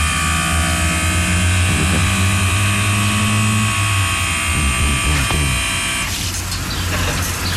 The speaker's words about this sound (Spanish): ¿Cómo suena la moto? ¿Tenés sonido de la moto o no? Escucha.